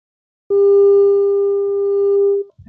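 An unanswered WhatsApp call's ringing tone: a single steady electronic beep holds for about two seconds, loud and clear, then cuts off as another faint sound begins.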